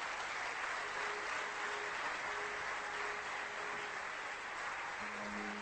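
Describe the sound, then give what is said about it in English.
A large crowd of about 2,000 chartered accountants gives a standing ovation for the Swamiji, sustained, loud applause, a dense and steady roar of clapping that continues without a break for the whole stretch, with no voices standing out. “Have a standing ovation for the Swamiji. With a lot of applause.”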